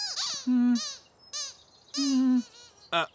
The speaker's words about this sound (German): Das Quietschen vom Quietscheentchen hört sich ganz genauso an wie beim letzten Mal, als du auf es draufgedrückt hast.